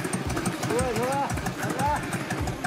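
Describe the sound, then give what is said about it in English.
A motorbike engine, a grandfather's prized motorbike arriving after a family lunch, rumbles steadily, a loud continuous growl with brief rising tones, while indistinct voices chatter faintly in the background. “After lunch, grandfather's most prized possession shows up with a loud roar.”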